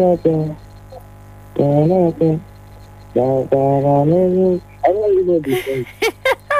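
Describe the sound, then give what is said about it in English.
Someone hums a tune in three sustained, wavering phrases separated by brief pauses, then trails off into a few short, choppy vocal bursts. “You're humming it. You're humming. I need the actual words.”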